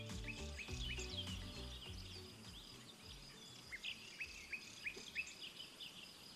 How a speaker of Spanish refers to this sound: Bueno, además de pájaros, el aumento de las temperaturas anima a que los grillos salgan de sus nidos, al calor. La primavera ha vuelto a nuestra tierra.